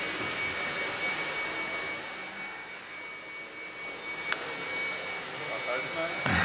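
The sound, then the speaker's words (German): A battery-powered electric motor runs steadily with a continuous whirring, rushing hum and a faint high whine, driving a chain and sprocket, with a sharp click partway through and a clunk at the very end. “Kaum läuft der Motor, taucht das nächste Problem auf.”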